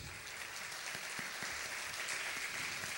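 Steady audience applause for the drummer at a jazz band's concert in Cerro Sombrero on 30 September, a dense wash of many hands clapping at a fairly even level throughout, with a few sharper individual claps standing out.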